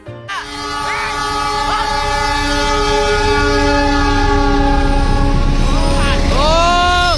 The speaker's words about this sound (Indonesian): Pemirsa, viral di media sosial, mobil berjenis MPV nekat menerobos palang pintu kereta api dan nyaris tertempel kereta api anggrek di kota Semarang.